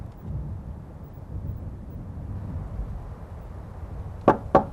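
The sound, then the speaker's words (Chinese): Two sharp knocks on a villager's door land close together near the end, made by members of a railway guerrilla unit, following several seconds of low, rumbling background noise with no voices. “老乡，老乡，开门呐！”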